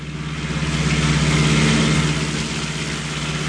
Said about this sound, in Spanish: En la carretera, al ver el auto que se acercaba, apenas tuvo tiempo para esconderse apresuradamente detrás de un árbol.